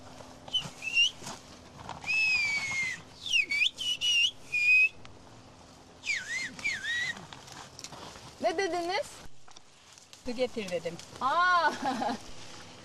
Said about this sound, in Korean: 휘파람 언어는 손가락과 혀, 입술 모양, 공기의 압력을 조절해 일상 대화가 전부 가능합니다.